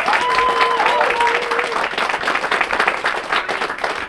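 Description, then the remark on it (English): A crowd breaks into steady, dense applause lasting about four seconds, loud and even throughout, with a few thin whistles or cheers rising above the clapping early on. “And I just want to let everybody know that the NT government was put on notice by the Commonwealth government, and I think we need to applaud that.”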